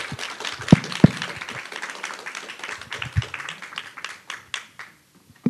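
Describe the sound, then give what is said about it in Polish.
An audience applauds after a panel discussion, a dense wash of many hands clapping with a few sharp louder claps, thinning out toward the end into scattered individual claps. “No najpierw brawa, oczywiście.”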